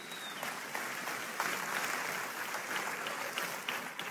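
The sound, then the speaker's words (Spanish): A crowd applauds steadily for about four seconds, a dense wash of clapping at an even, moderate loudness with no voices over it. “Un aplauso para el francotirador.”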